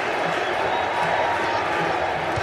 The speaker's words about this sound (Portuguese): E a torcida chama o Hendrick na arquibancada do Lincoln Financial Field.